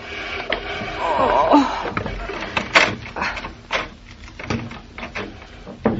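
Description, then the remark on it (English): A heavy chair scrapes and grinds across a hard floor in uneven bursts as two people push it rather than lift it, with a brief squeal and several knocks, fairly loud, with faint voices underneath. “Give me a hand with the chair, Mama, will you?”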